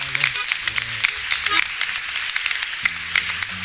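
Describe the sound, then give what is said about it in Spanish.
A crowd claps steadily for a few seconds in applause for the sound amplification, dense applause filling the space while a man's voice talks underneath. “un aplauso por la amplificación.”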